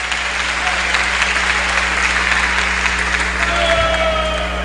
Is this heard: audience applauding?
yes